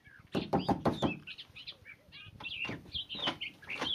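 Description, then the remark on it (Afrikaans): Four or five quick, solid knocks on the wooden front door of a house in a small village, then stop, leaving chickens and small birds chirping and clucking in the background. “Hy is teen die tyd al baie honger en hy klop aan die eerste en beste huis se deur.”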